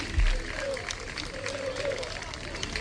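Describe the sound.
A crowd of fans applauds outdoors as the Sporting team bus departs, with steady, scattered clapping mixed with murmuring voices and general background noise, plus a brief low thump near the start.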